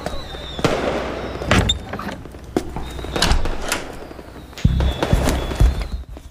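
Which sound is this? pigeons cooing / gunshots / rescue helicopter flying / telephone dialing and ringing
gunshots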